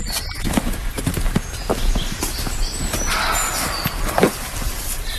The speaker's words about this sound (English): I'd never had a roe deer bark at me before, but I have now. And he sounds angry.